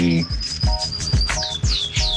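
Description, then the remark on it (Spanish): Small birds chirp in quick, bright descending calls, repeating several times over a steady thumping bass beat, with a thin high trill running underneath early on. “Escuchan ahí los pajaritos de bonitos.”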